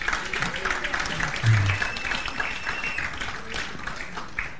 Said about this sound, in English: Give a round of applause